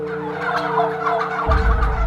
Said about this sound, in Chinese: 还有一种农场主假说， 一个农场里有一群火鸡。